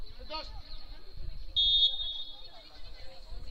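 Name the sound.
referee's whistle blown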